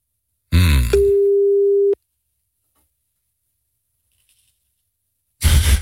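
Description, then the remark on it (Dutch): A single steady, low-pitched telephone ringing tone sounds for about a second, preceded by a brief noisy rustle, then silence until another burst of noise at the end. No one speaks. It is a call from the 3FM radio studio to the presenter of the weekend wine advice segment. “Goedemorgen, ik was je net aan het bellen.”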